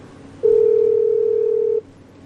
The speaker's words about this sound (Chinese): 嘿，不接电话啊？怎么不接电话、啊？ 再试一次。